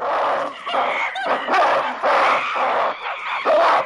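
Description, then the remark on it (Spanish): Two monkey families grunt and bark at each other in a territorial standoff across a pond, jumping and baring their teeth without physical contact: a loud, harsh series of overlapping bursts, several animals calling at once with short pauses between volleys and no human voices. “Las dos familias siguen saltando y gruñendo al tiempo que se enseñan los dientes, aunque sin contacto físico.”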